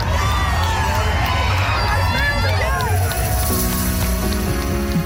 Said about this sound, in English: A record 6,000 people marched together through the streets and thousands more lined the sidewalks, smiling, cheering, and everyone just dancing and having a fun time together.